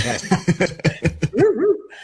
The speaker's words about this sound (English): Am I going to wait for the bark, or are we going to have the bark roll through?